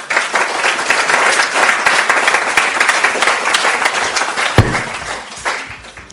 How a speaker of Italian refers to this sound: Visto, l'applauso era molto chiaro in realtà.